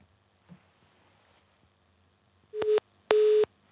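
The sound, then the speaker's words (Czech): Two short, loud electronic beeps of a telephone busy signal on a failed call during an interview, a steady tone repeating after a brief gap, following a few seconds of faint line hiss with no talking. “Tak bohužel ani telefon nefunguje, tak se omlouváme velmi za to, že se nám nepodařilo obnovit spojení”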